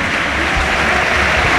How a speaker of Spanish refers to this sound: Tony Martínez aplaude Mendizorroza, se va ovacionado, y vamos a ver si no es grave el delantero.